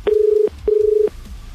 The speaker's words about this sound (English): All right, let's hit the phones, make the call.